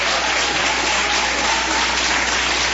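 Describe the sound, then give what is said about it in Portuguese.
A church audience claps for Jesus at a service in a dense, steady wash of applause. It holds at an even, loud level with no pauses, and no voices stand out above it. “Só aqueles que têm essa paz podem bater mais palmas, dar glórias.”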